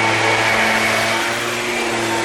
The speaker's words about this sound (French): L'avantage du scooter, c'est qu'on l'entend toujours, qu'on le voit ou pas.